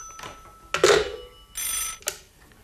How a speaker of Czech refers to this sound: Já musím končit, děvče, zvoní nám tu druhý telefon. Služba volá.